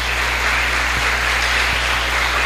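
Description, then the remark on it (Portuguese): Audience applause for all the grandparents: a steady, dense wash of many hands clapping at once, fairly loud and even throughout, with no voices standing out. “Nossas palmas para todos os avós.”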